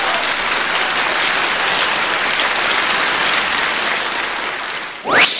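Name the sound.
applause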